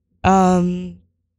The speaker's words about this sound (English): Not shocked. I am yawning though.